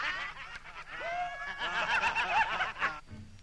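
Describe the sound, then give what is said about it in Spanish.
Raucous crows caw over one another in a mocking, cackling chorus, loud, the harsh calls tumbling together like snickering laughter before cutting off abruptly; in the Dumbo story, the crows are mocking a fellow crow. “Los otros cuervos no podían creer aquello y se burlaban del compañero cantándole una canción.”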